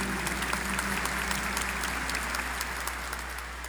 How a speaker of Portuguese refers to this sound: Vamos acolher a todos e a todas com a calorosa salva de palmas. Bem-vindos, bem-vindas.